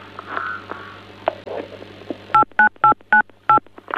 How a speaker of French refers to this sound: on dirait que quelqu'un appuie sur des touches de téléphone